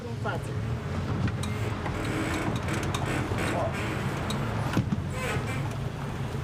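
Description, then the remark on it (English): A 12-person tour motorboat steered by a woman on the Bicaz Reservoir, Romania, its engine droning steadily, a continuous low rumble mixed with rushing water and wind noise, while a voice talks over it. “Motorboats are considered masculine here.”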